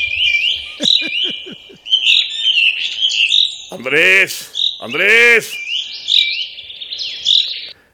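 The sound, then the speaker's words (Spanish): A steady chatter of small birds chirping and tweeting while being fed on a ranch, high and busy throughout, interrupted midway by a person calling out loudly twice. “es que le estoy dando de comer a los pajaritos aquí en el rancho.”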